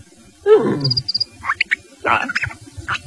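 A few quick, high-pitched cricket chirps sound just after a loud, growling animal roar, followed by more bursts of rough, chattering animal noise. No one speaks.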